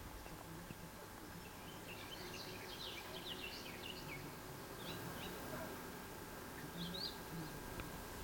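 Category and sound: bird, garden warbler singing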